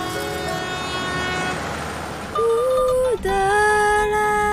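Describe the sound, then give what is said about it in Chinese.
A shabby old passenger train in Xide rolls steadily along with a rumbling noise, then sounds two long, loud horn blasts separated by a brief pause. No one speaks. “在喜德的这趟烂火车上，是被载着稳稳前进的。”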